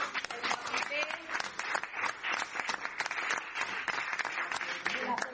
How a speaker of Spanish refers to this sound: Bueno, un fuerte aplauso para Tilda Rabi.